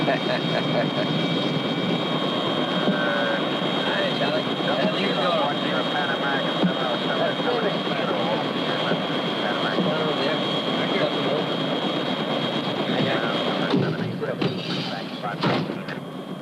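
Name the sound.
helicopter flying overhead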